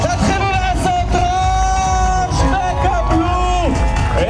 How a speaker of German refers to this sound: Er kam völlig erschöpft im Ziel ein, unter dem Jubel der Athleten und der Zuschauer. Hören Sie mal.